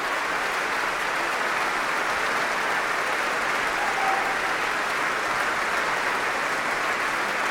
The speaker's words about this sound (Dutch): Ze buigt hier voor dit enthousiaste publiek. Groot applaus ook van de muzici van het Concertgebouworkest voor haar.